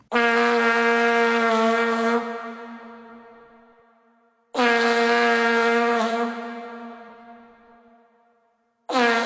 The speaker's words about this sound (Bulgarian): Понеже от тогава не съм чувал някой да надува вувузел, нека да си припомним как звучи този не съвсем музикален инструмент.